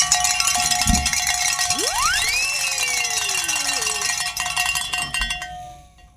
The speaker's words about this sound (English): You know, things are lighting up here. Is that a technical glitch, or are we ringing some bells here